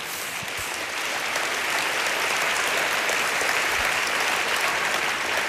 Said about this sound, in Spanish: Dele palmas al Señor.